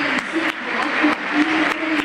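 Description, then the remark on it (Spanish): A large stadium crowd applauds steadily, welcoming world champion Almada as he is announced: a dense wash of clapping with a few sharper transients and some murmured voices mixed in, loud and sustained throughout. “Sí, bueno, claro, la bienvenida para un campeón del mundo, bien.”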